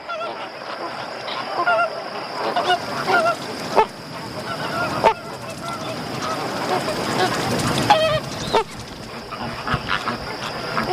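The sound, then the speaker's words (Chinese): A dense chorus of Caribbean flamingos honking at a salt marsh, adult birds seemingly communicating with their eggs; many goose-like calls overlap continuously at a steady, fairly loud level, with a thin high whine running underneath throughout. “尽管早有观点认为，一些鸟类的胚胎在孵化期间能感知亲鸟的叫声，并因亲鸟叫声改变发育过程，但目前缺乏实际证据证明红鹳胚胎也具有这种能力。”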